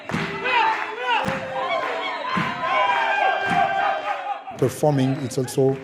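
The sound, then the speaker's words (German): Thirteen Mozambican dancers shout loudly in overlapping voices as they move into the auditorium among the audience, a dense, ringing clamor that swells and ends in several sharp, powerful cries. “13 mosambikanische Tänzer dringen mit enormer körperlicher Präsenz und Stimmvolumen in den Zuschauerraum, tragen Energie über den Bühnengraben.”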